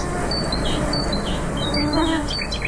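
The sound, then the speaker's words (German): A nightingale sings at night, a run of varied, high whistled phrases and chirps, clear, over a steady low background hiss with no voices. “Bei den Geräuschen der Nacht darf die Nachtigall natürlich nicht fehlen.”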